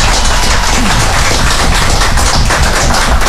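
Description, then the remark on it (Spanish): Loud, sustained applause fills the whole stretch, a dense crackle of many hands clapping at once with no pauses and no voices on top. “Un aplauso fuerte, por favor, muchachos.”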